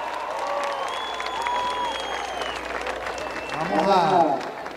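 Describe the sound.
An audience applauds with steady, dense clapping and some cheering, while a voice is heard over the crowd, building louder toward the end.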